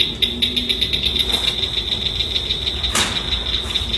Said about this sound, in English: She says the key is to associate each frog sound with something else that reminds you of the call. That's exactly what the group does when they practice with the Blanchard's cricket frog's call.